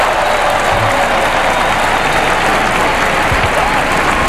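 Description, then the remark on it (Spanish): Loud, sustained applause from a large crowd after a fireworks display at a tower inauguration ceremony in Barcelona, with the Pope, the king and queen and the archbishop of Barcelona applauding; a dense continuous patter of clapping for several seconds with no pauses. “El Papa aplaude junto a los reyes, el arzobispo de Barcelona, Pedro Sánchez y el presidente de la Generalitat.”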